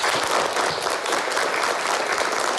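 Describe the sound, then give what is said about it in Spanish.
A group of people clapping together in steady, dense applause welcoming a new classmate, holding at an even, fairly loud level for a few seconds, with no voices heard over it. “Y vamos a recibirle con un aplauso.”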